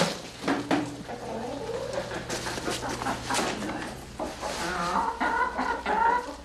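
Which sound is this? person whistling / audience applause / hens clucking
hens clucking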